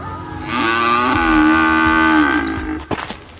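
A single long, loud cow moo, drawn out for about two seconds with a rising and wavering pitch, followed by a brief rustle at the end. No talking.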